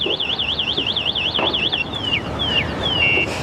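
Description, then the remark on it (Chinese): An electric scooter alarm blares a rapid, high warbling siren, then switches to a series of descending electronic chirps and a steady beeping tone, loud over a background hiss. “谁家的电动车？”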